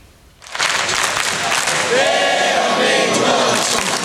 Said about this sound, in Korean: 관중석에 모인 천여 명이 태극전사들에게 열띤 응원을 보냅니다. 선수들의 몸놀림 하나하나 숨죽여 지켜보고 슈팅이 막히거나 골문을 벗어날 때면 여기저기서 탄식이 나옵니다.